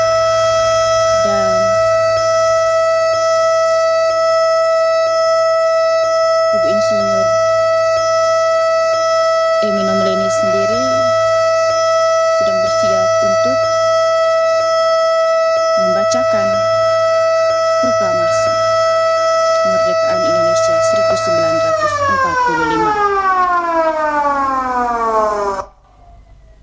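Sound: siren wailing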